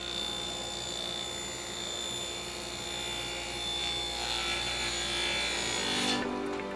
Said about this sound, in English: The hum of circular saws gives life to this wood shop, housed in a corner of a St. Vincent de Paul thrift store in Fort Wayne, Indiana. A team of busy carpenters hard at work, transforming sheets of plywood and 2x4s into furniture.